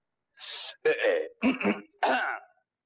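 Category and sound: human body sound, throat clearing cough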